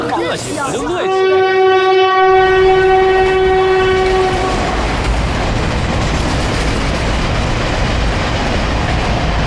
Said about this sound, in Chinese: 我跟你说过，不要坐这趟火车，你非要坐。你说说，这趟火车慢车，哎呀，站又多，人又杂